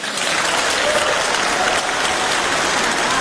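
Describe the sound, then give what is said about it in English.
A large audience claps steadily and loudly, a dense, sustained wash of applause that holds evenly for a few seconds without letting up, in response to a speech line about Canada becoming the first associate member of the European Union. “Wow, everybody's clapping, and that doesn't actually mean anything.”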